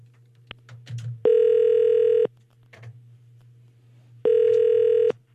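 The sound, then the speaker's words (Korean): A telephone ringback tone sounds twice, each steady electronic ring lasting about a second with a pause between, over a low constant hum while a call connects from the Far East Broadcasting (극동방송) radio program to a listener. “전화 연결 한번 해보겠습니다.”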